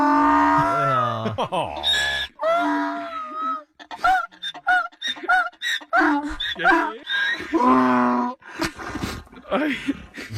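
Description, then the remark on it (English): A donkey, reunited with its owner, brays loudly, a series of harsh, wheezing hee-haw bursts repeating over several seconds with short gasping breaks between them. “The donkey was psyched.”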